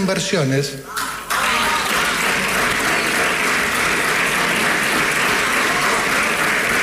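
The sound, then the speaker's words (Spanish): Sustained applause from an auditorium audience for the Minister of Economy: a dense, steady wash of many hands clapping that starts after a brief voice and continues loudly without break for several seconds. “Bueno, se llevó los aplausos del auditorio del ministro de Economía en esta definición.”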